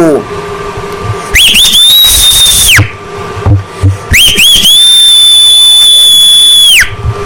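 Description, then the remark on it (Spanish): Two loud human whistles, each sweeping upward then holding a steady, piercing high note for a second or two, separated by a short pause with faint background noise. “Te escuchamos en San Felipe de los Herreros y que le mandes un chiflido.”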